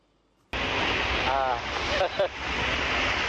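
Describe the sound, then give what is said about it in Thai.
Heavy rain pours down on a street in the Asok area of Bangkok, Thailand, in a dense, steady roaring hiss that cuts in abruptly and holds at a constant level, with a couple of brief faint tonal sounds partway through. “รายงานการจราจรอโศกฝนตกหนักมากดังนั้นเวลาถ้าคุณไปไหนมาไหนก็อุปกรณ์สำคัญคือร่มช่วยกันฝน”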